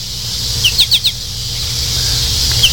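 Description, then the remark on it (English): An American goldfinch calls a quick run of four high, bright chirps, then one more a moment later, over a steady low background rumble. “And that's a goldfinch, my friends.”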